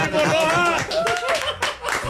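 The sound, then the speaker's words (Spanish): A short burst of applause on a radio show for an invited guest, steady clapping mixed with laughter and animated voices over it, lasting about two seconds at a fairly loud, even level. “¡Un aplauso!”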